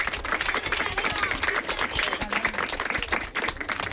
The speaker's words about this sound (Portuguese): A ver, dademos un aplauso a vos mesmos, para que xente na casa...